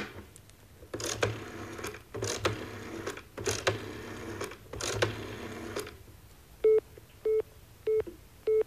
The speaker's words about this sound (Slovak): Kuriatka. Nič, iba samé kuriatka. Aké kuriatka? Telefónne. Telefón pípe ako kuriatka pod kvočkou. Obsadené.